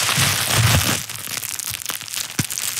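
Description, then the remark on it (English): Bubble wrap being squeezed and popped: a burst of dense crinkling crackle, then a string of sharp, irregular pops and snaps, one louder crack standing out near the end. No voices. “Can I please pop one of the bubbles?”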